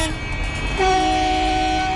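Loud honking from outside at the start of a council session, from a demonstration against planned wind turbines: a steady, sustained horn blast rises out of a rumbling background about a second in and keeps blaring to the end, with no talking.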